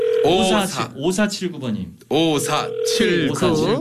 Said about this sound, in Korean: 자, 또 방학생 지금 전화 한번 걸읍니다.